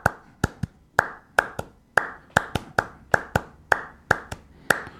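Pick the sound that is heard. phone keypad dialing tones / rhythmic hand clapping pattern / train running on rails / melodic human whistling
rhythmic hand clapping pattern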